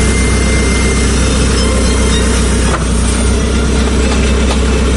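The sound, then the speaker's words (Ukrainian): The heavy diesel engine of a yellow excavator backfilling new heating pipes in Vinnytsia, Ukraine, runs steadily and loudly, a deep rumbling drone with a constant low hum, briefly punctuated by a faint clank near the middle; no voices. “Ретельно під інструментальну музику на своїй жовтій землеринній машині нові тепломережі засипає екскаваторник Олександр.”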